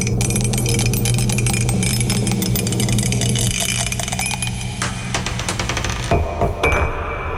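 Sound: die being rolled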